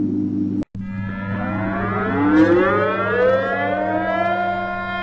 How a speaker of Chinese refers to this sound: 沈阳全城拉响防空警报，火车、轮船、汽车鸣笛。